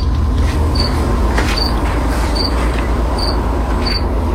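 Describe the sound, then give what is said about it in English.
A cricket chirps five times at a steady pace in the Rock 95 radio studio, each high, short, bright chirp about a second apart, over a loud, constant low rumbling hiss. No one speaks. “We are taking care of this cricket once and for all”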